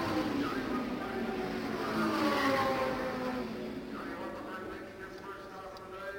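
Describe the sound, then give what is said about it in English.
Race cars, including Al Unser's car number one and Pete Revson's number 86, roar past on a track, a loud steady engine drone with rising and falling pitch sweeps as the cars go by, and voices murmur underneath. “We'll be looking for car number one with Al Unser, and Pete Revson's number 86 as they come by us.”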